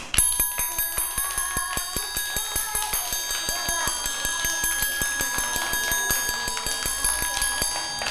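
A teacher taps out a slow, steady, even rhythm for children to listen to: a long run of sharp, ringing strikes with a bell-like metallic tone, evenly spaced and fairly loud, continuing throughout with no talking.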